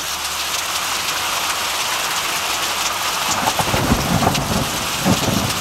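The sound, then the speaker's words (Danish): Steady, heavy rain hisses across the whole clip, and about halfway through a low rumble of thunder rolls in and swells beneath the downpour, standing for the weather in Denmark. No one speaks. “Super, klokken er 4:08 på en dag, hvor man måske godt kunne drømme sig lidt mod sydligere himmelstrøg, fordi det danske vejr, det lyder sådan lidt mere sådan her.”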